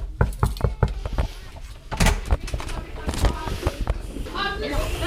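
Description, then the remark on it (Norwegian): Several quick, sharp knocks on the wooden door of class 3B at Lervig school, followed by a busy classroom with muffled voices and children's chatter in the background. “Nå står vi på utsiden av klasse 3B her på Lervig skole, og vi banker på.”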